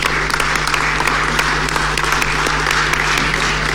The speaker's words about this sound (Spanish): de Radio Ñuble, quien se encuentra presente en las tribunas junto a su familia. Así que le damos un aplauso también a ellos.